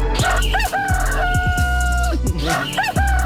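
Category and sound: bird, rooster crowing sound effect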